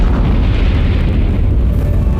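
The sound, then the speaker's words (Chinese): The detonation of China's first hydrogen bomb in 1967 rolls out as a heavy, continuous low roar, loud and rumbling throughout with no sharp attack and no fade, like the sustained thunder of a huge detonation. No voices. “当全世界还在对中国的第一颗原子弹爆炸震惊之余，1967年，中国又成功爆炸了第一颗氢弹。”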